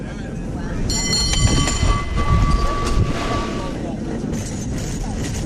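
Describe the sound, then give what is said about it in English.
A cable car clatters and rumbles steadily along its track, with a sustained metallic ringing squeal rising over the noise for a few seconds before fading back into the rattle. “He insisted we go ahead with the cable car ride, that Mom would want us to do that, and that he'd take care of her.”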